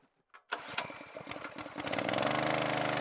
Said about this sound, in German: Ich habe jetzt die Motorpumpe aufgebaut, um halt in den Allerdüker dann Wasser zu pumpen vom Kanal mit hohem Sauerstoffgehalt, sodass wir dann die Entengrütze nach hinten spülen, dass wir es gezielter abfischen können und gleichzeitig frisches Wasser